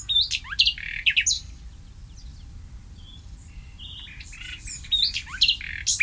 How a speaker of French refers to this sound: Pour essayer de comprendre l'évolution sémantique peu évidente de ce mot, on peut rappeler que le rossignol fait souvent entendre son chant mélodieux la nuit, mais qu'il voit sans doute mal dans le noir.